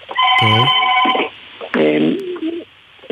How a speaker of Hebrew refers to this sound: ואז נסעתי לטיול עם המשפחה שלי, והטיול, בטיול הזה הטלפון מצלצל כל הזמן, צריכה לתת אותו.